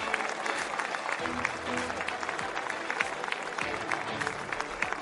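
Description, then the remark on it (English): Steady applause from a large outdoor crowd at a motor race podium ceremony for the winning Toyota Racing car number 8 and the two Toyotas, with a big cheer for the Ferraris; dense clapping with scattered louder claps and a low murmur of voices underneath. “Warm applause for the two Toyotas, and of course a big cheer for the Ferraris.”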